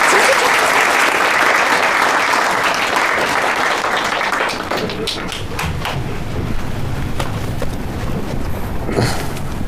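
A crowd at a company meeting bursts into loud, sustained applause for a new colleague invited to share sales experience, dense clapping that fills the space, then thins slightly into scattered claps with a few faint voices.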